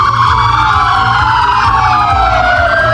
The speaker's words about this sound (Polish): Wczoraj, kiedy trwał pogrzeb, funkcjonariusze w całym kraju przed swoimi komendami uczcili pamięć zabitego. Włączamy sygnały świetlne dźwiękowe naszych radiowozów, stajemy w postawie zasadniczej i salutujemy, oddając cześć poległemu policjantowi.